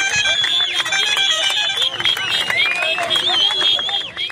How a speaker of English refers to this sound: This video footage shows residents of Adigrat cheering as Ethiopian forces patrol the streets.